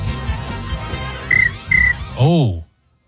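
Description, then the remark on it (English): Two short, high-pitched cricket chirps sound in quick succession over a low, busy background, followed by a brief warbling sweep before the sound cuts off. “That's a cricket. That's absolutely a cricket.”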